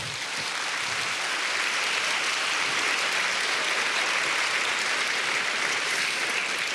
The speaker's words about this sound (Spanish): Denle un aplauso grande al Señor.